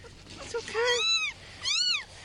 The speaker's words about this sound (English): a kitten meowing, and I had no clue where it was coming from